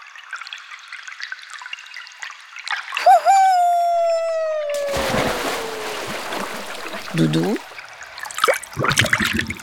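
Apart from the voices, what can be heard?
small stream trickling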